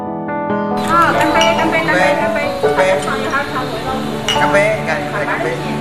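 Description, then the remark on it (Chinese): Several glasses of osmanthus wine clink together in a toast among neighbors at a winter wine festival, bright ringing tones lingering while a lively group of voices talks and cheers loudly throughout. “干杯！”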